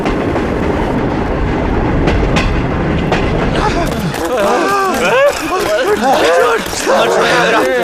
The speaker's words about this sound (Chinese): 怎么追呀？这个，这火车都走了